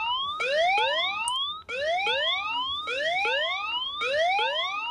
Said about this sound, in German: Und wenn wir dann den Alarm auslösen, klingelt bei allen Helfern das Handy, egal ob stumm oder im Nicht-Stören-Modus.